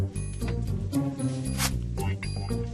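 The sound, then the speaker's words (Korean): A receipt printer whirs and rasps as a slip of paper feeds out in short bursts, heard close over a steady low background of music. “영수증은 이렇게 나왔었지.”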